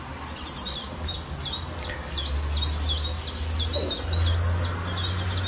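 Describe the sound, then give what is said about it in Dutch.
An icterine warbler sings in a garden in Estrum, Friesland, Netherlands, a fast, varied, imitative stream of high chirps, whistles and chattering phrases, over a steady low rumble of background noise. “Een briljant variërende en imiterende vogel.”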